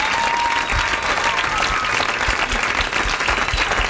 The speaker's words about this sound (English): A round of applause for the Dave Matthews Comedy Hour. That's it.